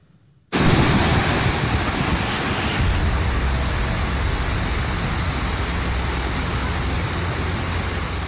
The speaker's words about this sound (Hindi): जम्मू कश्मीर में संकट काल की ये पहली तस्वीर देखिए, पानी का रौद्र रूप ऐसा है मानो वो सब कुछ अपने में समेट कर ले जाने को बेताब हो। ये तस्वीरें शोपिया के हिरपोरा इलाके की हैं। रविवार को यहाँ अचानक बादल फटा, इस घटना के बाद वहाँ अचानक बाढ़ आ गई।